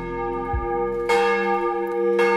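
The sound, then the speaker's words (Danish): Church bells of Vor Frue Kirke in Copenhagen, Denmark, ring in the morning devotion, with fresh strikes landing about a second apart over a rich, sustained hum of overlapping metallic tones. No one speaks. “Og så ringer det ind til dagens morgenandagt fra Vor Frue Kirke i København.”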